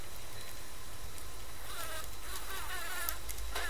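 A yellow manganga bee buzzes steadily, its droning hum rising and wavering as it moves about, with a constant low rumble of background noise underneath and no voices.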